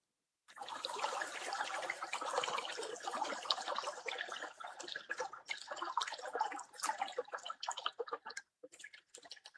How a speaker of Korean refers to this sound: 이번엔 시원하게 물 흐르는 시냇물 소리를 듣겠습니다. 물소리.